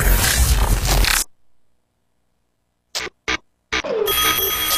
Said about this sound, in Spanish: Son las 7 de la mañana. Suena el despertador de Turno Mañana.